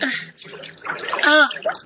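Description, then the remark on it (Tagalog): Busy splashing and sloshing of water as someone moves into it, with a child's voice briefly calling out over the splashes. “Sige, tanap na sa tubig.”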